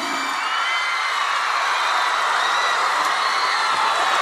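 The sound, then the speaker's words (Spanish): A steady wash of audience applause and cheering, with whoops and shouts rising above the dense clapping at a constant loud level throughout. “Un aplauso”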